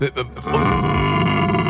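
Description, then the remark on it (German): A man's voice imitates a rutting stag, letting out a deep, drawn-out guttural grunt that swells into a sustained, loud bellowing roar. “Was hast du dem Hirsch gerade zugeflüstert?”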